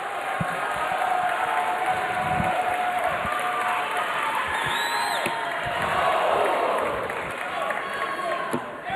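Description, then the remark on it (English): A large crowd at a darts match rises to its feet, roaring and cheering for a 13-year-old player from Illinois in a steady, dense wash of voices, with whoops and scattered applause swelling slightly toward the end, loud throughout. “Crowd now comes to their feet as they sense it for the 13-year-old from Illinois.”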